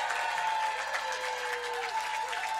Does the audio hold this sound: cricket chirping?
no